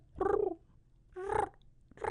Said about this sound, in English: Some bird sounds here.